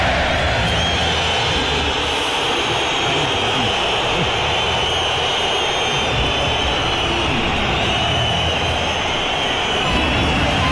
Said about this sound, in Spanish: aquí está el abucheo de la afición del colchonero. ¿A Julián Álvarez? Muy bravo.